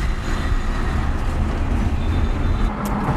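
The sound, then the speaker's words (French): A steady, loud low rumble of traffic on a busy main road heard from inside a moving car, a continuous engine and tyre drone with faint hiss above, no voices. “Oui, sur la route, il y en a beaucoup de monde, mais j'ai l'habitude.”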